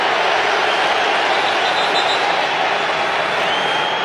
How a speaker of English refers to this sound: We've got whistles.